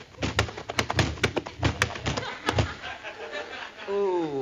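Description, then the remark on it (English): A burst of sharp thuds and scuffling impacts as a football player is tackled hard and knocked down, his helmet knocked off, followed by a rising vocal groan at the end. “you sure tackled him hard.”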